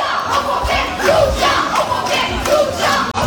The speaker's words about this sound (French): Alors il y a eu des chants du côté de Bordeaux. Écoutez bien, ça c'est des lycéens qui étaient juste devant leur lycée et qui soutenaient les pompiers.